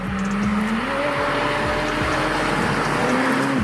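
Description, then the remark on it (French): A McLaren Senna supercar engine, over 800 horsepower in a 1200 kg car, accelerates hard, its loud, throaty roar climbing steadily in pitch before dropping with a gear change and rising again, with no voices over it. “Cette Senna, c'est sans doute la voiture la plus violente que je connaisse.”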